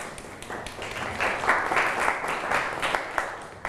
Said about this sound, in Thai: โอ้สุดยอดครับปรบมือเพื่อนหน่อยครับ